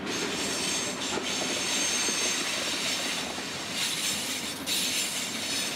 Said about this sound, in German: Und ich habe jetzt die Aufgabe, den Pendel zu fahren, die Schotter und Erde zu fahren von einem Lagerplatz in Hannover zur Baustelle nach Eschede. Dafür hat er mal wieder einen Bauzug am Haken.